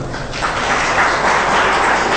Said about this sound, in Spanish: ¿Cuánto le puede dar un fuerte aplauso al Señor?